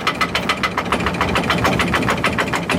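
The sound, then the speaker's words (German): A water mill, one of the seven mills in Pfarrwerfen, Salzburg, running as its water wheel turns: a steady mechanical rumble with fast, regular clattering knocks repeating throughout, fairly loud and with no voices. “dann startet automatisch die Mühle. Dann dreht sich das Mühlrad, dann geht es schon dahin”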